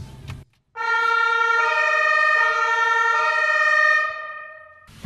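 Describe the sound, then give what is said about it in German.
A loud emergency vehicle siren blares for several seconds, a harsh, steady two-tone wail that steps between pitches, starting abruptly and sounding alone with no talking, heard from the passenger seat of the vehicle as its blue lights flash. “Jetzt wird's spannend. Alarm, Alarm.”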